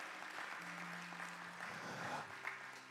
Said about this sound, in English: Thank you. That's good enough. Give the Lord a big hand clap, if you will.